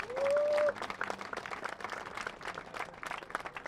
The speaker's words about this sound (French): Un applaudissement pour Chen.